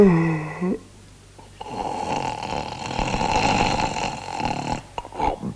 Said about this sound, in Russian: Как только я услышал храп, дремота сморила и меня, и я тоже уснул.